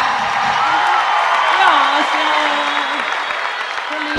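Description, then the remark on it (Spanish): Loud, dense applause from a crowd fills the whole stretch, steady, with a voice calling out or cheering over the clapping. “¡Aplauso fuerte”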